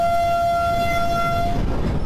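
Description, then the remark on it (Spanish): A fully energized train of the first Bogotá Metro line, on a test run in Bogotá, passes with a steady rumble and a sustained two-tone horn blast lasting about a second and a half before fading into the rolling noise. No one speaks. “Ese es el sonido y también el recorrido que hizo el día de hoy en Bogotá.”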